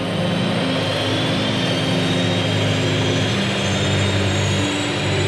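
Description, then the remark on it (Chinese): A steady, loud airplane engine drone fills the whole stretch, a constant deep hum with a broad roaring hiss on top, from an aircraft in flight toward Chongqing. “他们的目的地，重庆，离飞机越来越近。”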